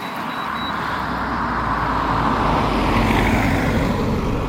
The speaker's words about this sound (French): Attention, voiture.